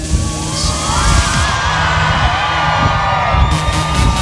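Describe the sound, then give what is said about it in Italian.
A large crowd at the Frecce Tricolori airshow in Policoro cheers and whoops loudly and continuously for several seconds to greet the pilots of the aerobatic team, many voices blending into a dense roar with occasional higher shouts standing out. “E ora che sono vicini, provate a farvi sentire!”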